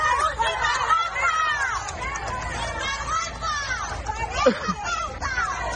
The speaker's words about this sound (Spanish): Sánchez ha visitado la localidad de Noblejas, Toledo, para grabar un vídeo de apoyo popular, pero ha acabado abucheado con gritos de vete a Ceuta y sinvergüenza.